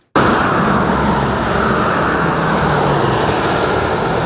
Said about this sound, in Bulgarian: Последния работен ден трафикът към Гърция е интензивен. За задръстванията според пътуващите има няколко причини.